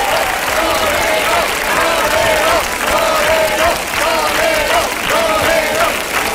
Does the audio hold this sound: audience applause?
yes